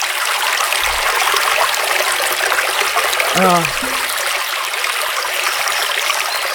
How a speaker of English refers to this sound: That's Babbling Brook. That's what a Babbling Brook sounds like.